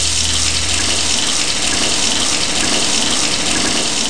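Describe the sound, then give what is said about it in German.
Cold shower water runs in a steady, loud, hissing stream, unbroken for the full few seconds, with a faint low hum early on and no voices. “Moment, erstmal eine kalte Dusche.”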